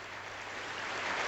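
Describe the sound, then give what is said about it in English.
A short burst of steady applause, a dense crackle of many hands clapping at once, moderately quiet and swelling slightly toward the end, with no voices over it. “Love a bit of applause.”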